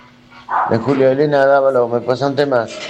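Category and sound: animal, dog barking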